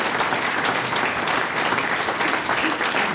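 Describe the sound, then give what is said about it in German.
Steady, dense clapping from a crowd fills the whole stretch at a fairly loud, even level, a continuous wash of many hands without pauses or voices on top. “Der Applaus zackt, ja.”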